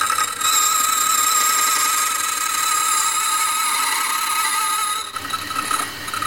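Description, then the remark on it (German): A key duplicating machine in a key-cutting workshop grinds steadily as a tracer runs over the original key and the movement is copied onto a key blank, a loud high-pitched whirring buzz with a shrill metallic edge that runs unbroken for several seconds before briefly dipping and picking up again. “Ich gehe mit dem Taster über den Schlüssel und die Bewegung wird genau auf die andere Seite übertragen. Es wird laut.”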